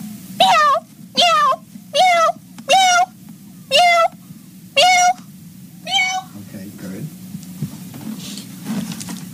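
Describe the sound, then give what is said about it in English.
A person imitates a cat, giving about seven short, loud meows in quick, even succession, then falling quiet over a low steady background hum. “Can you now meow”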